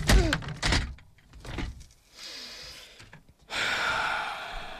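A chair is hurled with a sudden loud clatter and a couple of heavy knocks, then a breathy hiss and a steady rushing noise fill the rest of the moment, with no talking.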